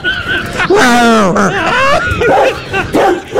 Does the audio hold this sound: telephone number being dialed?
no